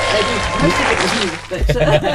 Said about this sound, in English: Did you hear the claps?